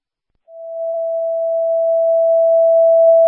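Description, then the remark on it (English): A dispatch radio paging tone for Ambulance 120 in Logan, paged for a medical transfer, sounds: one steady, loud electronic pitch that begins after a brief silence and holds unbroken for about three seconds, with no voices. “Page ambulance 120 for that transfer, please.”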